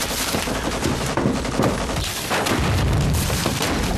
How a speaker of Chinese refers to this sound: 哪来的枪炮声？ 日军正在进攻郭万明方，打得很激烈。